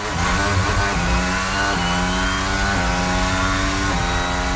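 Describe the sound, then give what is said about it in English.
A Formula One race car engine at the Canadian Grand Prix in Montreal screams loudly and continuously, its whine climbing in pitch then dropping back with each gear change, about four shifts in a row, with no voices. “If you're a fan of Formula One, that sound might be giving you adrenaline.”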